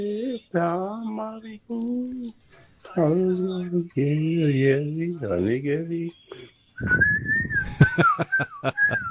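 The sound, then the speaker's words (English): A man's voice carries a wordless, tuneful line for several seconds, then he whistles a short melody, the bright whistled notes wavering over breathy, airy noise. “He's whistling so much, he forgot to say”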